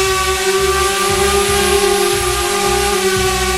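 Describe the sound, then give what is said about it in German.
A drone buzzes loudly and steadily in the sky over the meadows of Lusatia (Lausitz), its whining motor tone holding a constant pitch over a low, rhythmic throb, with no voices heard. “Und plötzlich hört man so ein lautes Summen am Himmel.”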